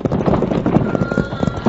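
Horses' hooves pound rapidly and heavily on a hard, sun-baked road as riders race to overtake a wagon, a dense galloping clatter of repeated thuds with a constant rushing noise beneath.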